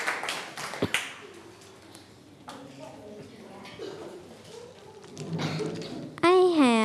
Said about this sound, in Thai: ปรบมือเพื่อนหน่อยครับ